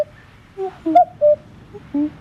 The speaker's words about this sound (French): Notre star aujourd'hui est plus sonore que visible, c'est le coucou gris. Et vous connaissez sûrement son chant, écoutez-le.